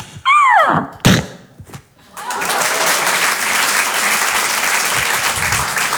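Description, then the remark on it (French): A voice imitates a dog running into a door: a sliding yelp, followed by a sharp thud like a collision with the door and a few faint knocks, then sustained loud applause fills the rest. “Le chien qui se prend la porte.”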